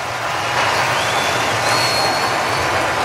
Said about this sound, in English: A much-deserved standing ovation for Christopher Sanchez.